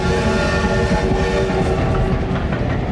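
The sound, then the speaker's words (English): A train rumbles steadily and loudly, its rolling noise layered with sustained tonal whines like a horn or brake squeal as it draws into Calais station. No voices. “And we became so absorbed in each other that the train drew into Calais station before we realized it.”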